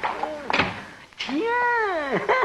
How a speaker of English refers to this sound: shut the door quick